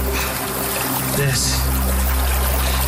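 Meltwater trickles steadily from snowpack at the furthest upstream origin point of the Rio Grande, a continuous dribble and splash of small running water with a broad hissing wash and a low rumble underneath.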